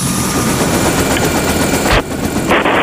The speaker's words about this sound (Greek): Το ελικόπτερο, καλέ. Είναι καιρός για πέταγμα.